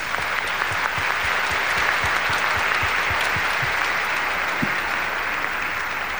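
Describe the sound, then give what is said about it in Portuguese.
An audience at the end of a Eucharist celebration in a parish applauds steadily to thank the ministers of the word, a dense wash of many hands clapping at a fairly even loudness for several seconds, with no voices speaking over it. “Vamos agradecer a presença deles, mas a cada um de nós, com uma forte salva de palmas.”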